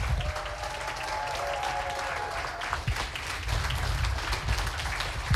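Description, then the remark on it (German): Sustained applause from an audience for all the poets of the evening, a dense, steady wash of many hands clapping at an even loudness for several seconds, with a faint whistle-like tone early on and no speech over it. “Und bitte noch einmal laut werden für alle Poeten des heutigen Abends”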